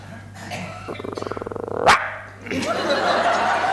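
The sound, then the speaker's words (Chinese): A man imitates a small dog with his voice: a quick rattling, yappy vocal trill that ends in one sharp rising yelp, followed by a broad wash of noise. “不是你这小狗叫唤干嘛呀？”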